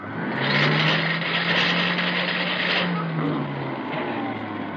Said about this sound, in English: I fixed your vacuum cleaner. Oh, good for you. That's wonderful. It's right here. Try it. Here, I'll switch it on.